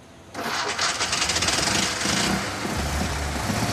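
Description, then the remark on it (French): A small petrol car engine, started by lifting a small lever rather than turning a key, cranks and catches with a sudden rattling burst, then settles into a steady, buzzy putter like a lawnmower, with no talking. “C'est ce qu'on entend quand quelqu'un tond sa pelouse avec une tondeuse à essence.”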